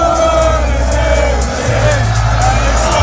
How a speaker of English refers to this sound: Thousands of fans are cheering here on Holloway Road. It's filled with red and white. There's people in buildings and out of windows. Everyone is waiting for the Arsenal bus to come past.